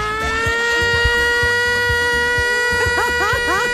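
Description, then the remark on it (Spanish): A loud, steady siren tone blares continuously with a bright, horn-like pitch, while voices chatter briefly beneath it toward the end. “Efecto sirena, efecto sirena.”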